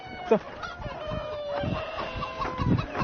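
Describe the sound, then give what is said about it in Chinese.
Pheasants in the countryside cluck and squawk while fighting to settle power and rank in their group, with a sharp burst early on and then a run of overlapping, harsh calls rising and falling in loudness, fairly steady throughout. “山鸡的天性之一就是爱打斗，以此来确定自己在群体中的权力和地位。”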